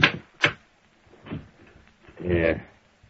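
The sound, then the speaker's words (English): A desk drawer holding a picture of Littlefield is opened: two sharp wooden knocks, then a softer scrape and a longer rattling slide, with what may be a low voice murmur underneath. “Well, I got a fix of Littlefield right here in this drawer.”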